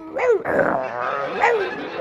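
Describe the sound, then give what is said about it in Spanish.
A person growls and barks in imitation of a snarling, rabid dog, with two loud, rough vocal bursts separated by a sustained snarl, with no other talking. “Dice, no, al armario no entre, no, no, no cojas nada del armario, que hay el perro que se ha puesto rabioso, está el perro ahí dentro del armario y se oye dentro del armario.”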